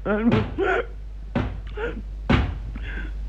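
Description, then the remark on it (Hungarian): Three heavy, hollow knocks on a door, spaced about a second apart, each followed by a brief muffled vocal sound; someone knocking while people are eating dinner. “Ki lehet az, aki így kopogtat?”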